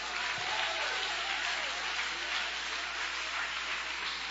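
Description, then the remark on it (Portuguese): A church audience applauds God steadily, a dense, sustained wash of clapping hands that holds at an even loudness throughout, with no voices standing out above it. “Levanta a tua mão aí e aplauda ele, que ele merece.”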